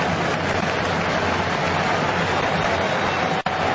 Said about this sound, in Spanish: Mientras la gente lo aplaude a Nuno Méndez, que va caminando lentamente hacia la zona de los bancos.